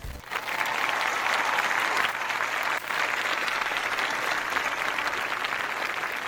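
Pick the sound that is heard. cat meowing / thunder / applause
applause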